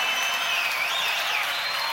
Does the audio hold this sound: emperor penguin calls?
no